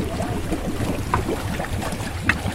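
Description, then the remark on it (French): A small waste-collecting boat, designed in France by the firm Efinor, works on the water of the Baie des Anges picking up floating debris. Its low engine rumble is steady beneath churning, splashing water, with a few sharp metallic knocks. No one speaks. “Cyril Castello du groupe naval Efinor nous donne les caractéristiques de ce petit bateau.”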